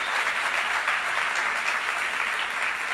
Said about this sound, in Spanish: Está bien. Al basquetbolista. Denle un aplauso al basquetbolista de nuevo.